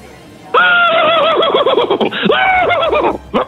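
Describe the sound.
A man's voice imitates a horse whinny, a loud, quavering neigh rising and wavering for about three seconds with a brief break in the middle, then trailing off.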